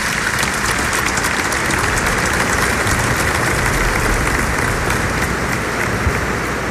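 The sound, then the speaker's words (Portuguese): An audience at a Mass in a shrine, on the feast of Our Lady of the Rosary, applauds the proclaimed Word, a dense, even wash of clapping from many hands that holds at a constant loud level throughout, with no voices breaking through. “A nossa salva de palmas, a palavra proclamada.”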